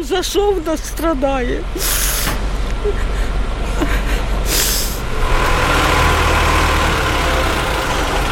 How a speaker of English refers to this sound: And as firemen winched her mangled car off the street, dust and anxiety remain in the air.